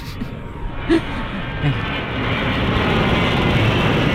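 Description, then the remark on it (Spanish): A small plane's engine drones steadily in flight over the Marquesas Islands archipelago, a constant rumbling roar that swells slightly louder toward the end, with a couple of brief faint vocal sounds over it. “La avioneta es un Boeing 747.”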